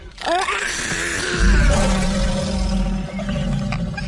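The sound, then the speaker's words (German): A loud lion roar at a zoo: a rising growl that swells into a deep, rumbling bellow and holds for several seconds without any talking. “Nein, zuerst die großen Löwen.”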